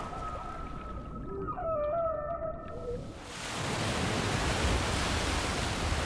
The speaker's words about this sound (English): One of the most amazing things about whale song is sound carries about four times faster in water than it does in air, and it can travel further too. So whales can be communicating with each other across entire seas.